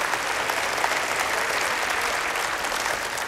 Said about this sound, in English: Go ahead, clap your hands again. That's right.